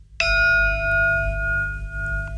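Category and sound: signal or alarm, gong being struck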